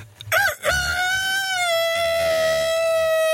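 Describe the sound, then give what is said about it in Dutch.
A person imitates a rooster's crow: a short rising bark, then one long sustained call that wavers slightly and holds steady for a few seconds, loud and alone. “kun je hem nog 1 keer doen? De haan?”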